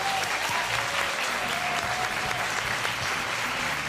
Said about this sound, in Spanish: Un aplauso, por favor.